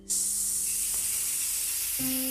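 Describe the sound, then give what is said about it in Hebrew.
Small waves make a steady, bright, hissing wash of water that holds at an even level throughout, with a faint low hum and a brief tonal shift near the end. “של הגלים הקטנים”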